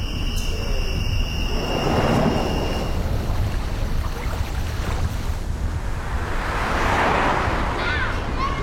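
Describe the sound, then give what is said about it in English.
A motorcycle engine roars past, a steady rushing drone that swells loudly around two seconds and again near the end, with no voices. “Please watch for motorcycles.”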